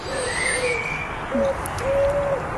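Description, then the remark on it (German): Birds calling with long, drawn-out whistling notes, a few overlapping at different pitches, over a steady hissy outdoor background. No one speaks. “Zunächst mal mit den Vögeln”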